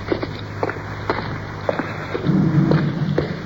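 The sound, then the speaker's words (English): A deep, steady rumble of cars passing overhead on a bridge, heard from beneath it, swells for about a second near the end, over a low hum and scattered footsteps on a slim stretch of rocky beach. “Cars. Look overhead.”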